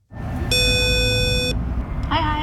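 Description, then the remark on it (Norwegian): A woman rings the door intercom at the Norwegian Band Federation (Norges Musikkorpsforbund) in Norway: a single steady electronic buzz for about a second, bright and harmonic, over low street rumble, followed by a short warbling chirp. “Vi pushet hun ned til Norges Musikkorpsforbund, og der ringte hun på.”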